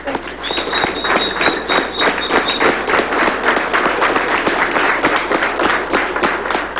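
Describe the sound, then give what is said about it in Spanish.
A crowd applauds loudly and steadily, dense clapping filling the whole stretch without pause, with a brief high whistle-like cheer near the start and no clear voices above the noise. “Por favor, no aplaudan, no griten, ¿ok?”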